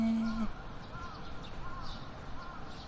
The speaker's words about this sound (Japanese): さて、あ、チュンチュンチュンチュン、この辺りは鳥が多いですかね。